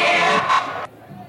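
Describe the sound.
A loud football stadium crowd of Guarani supporters roars and shouts together, chanting "timinho" at the Caldense team while play is stopped, in a dense mass of voices, swelling briefly before cutting off abruptly, leaving quieter background noise.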